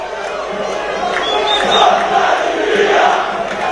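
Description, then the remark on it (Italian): Taranto football supporters chant together in a loud, sustained chorus, calling on their team to win promotion out of its current division, many voices blending into a steady roar that swells slightly toward the middle and holds through the end. “Ascoltiamo il coro, perché ci sono i tifosi del Taranto che stanno chiedendo alla squadra di lasciare questa categoria, la promozione, obiettivo di questo finale di stagione.”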